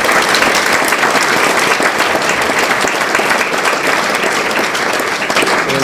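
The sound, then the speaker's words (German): Steady, loud applause from an audience welcoming a guest at an evening event, a dense crackle of many hands clapping continuously for several seconds with no voices over it. “Applaus.”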